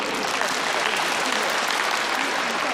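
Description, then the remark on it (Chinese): Sustained applause from a large audience for Wang Renjun, a dense, steady wash of clapping that stays loud and even throughout without pauses or spoken voices. “祝贺，一步就坐，谢谢，我们再次为王仁君响起掌声，祝贺。”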